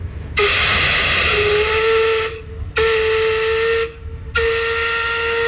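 The steam whistle of the paddle steamer Skibladner on Lake Mjøsa, the world's oldest operating paddle steamer in scheduled service, starting its season, sounds three times: one long blast, then two shorter ones, each a loud, steady, hissing tone with rich harmonics, separated by brief gaps of low rumble.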